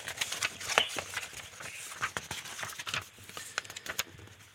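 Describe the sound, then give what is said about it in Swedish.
Fairly quiet rustling and flicking of numbered cards in a binder being leafed through, a quick irregular series of papery snaps and shuffles with no talking. “Jag ska bläddra fram den åt dig.”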